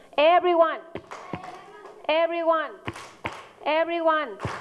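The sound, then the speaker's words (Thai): Students in a class clap their hands on the teacher's instruction, sharp claps ringing out in short bursts between loud, drawn-out chanted or sung voices, the claps and voices alternating in a steady, repeating pattern. “ทีนี้ประเดี๋ยว everyone ตบมือค่ะ”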